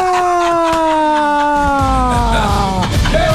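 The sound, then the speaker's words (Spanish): A human voice imitates an ambulance siren with a loud, sustained wail whose pitch glides slowly downward over a few seconds, ending in a rougher, strained rise. “Termina con la ambulancia, con el grito de la ambulancia.”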